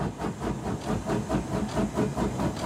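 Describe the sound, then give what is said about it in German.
A steam locomotive at the rear of the train chuffs steadily while pushing a rack railway carriage up an incline, its rhythmic exhaust beats repeating about every quarter second with a hissing, rumbling wash of steam and machinery, loud. “Die Dampflok ist am Zugende.”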